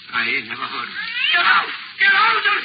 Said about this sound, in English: Listen to that cat. If that ain't creating a public nuisance, I don't know what it is.